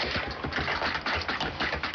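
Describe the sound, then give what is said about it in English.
Rapid, continuous keyboard typing as a blind systems engineer types code, a dense clatter of keystrokes at a steady pace, with no voices. “After typing code, he verifies it by listening with a screen reader.”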